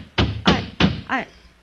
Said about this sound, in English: Who's that stomping out on our porch